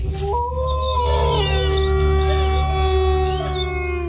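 A wolf howl used as the jingle effect for radio station Lobo 97.7 in Nebraska: long sliding, wavering howls layered over a steady sustained backing tone, loud, lasting about four seconds with no talking.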